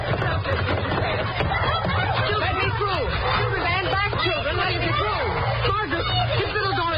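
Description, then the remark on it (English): A noisy racket of many schoolchildren's voices at noon, overlapping shouts and chatter forming a steady, loud din with no pauses for the full seven seconds, over a low hum. “They're sure making a racket this noon, aren't they?”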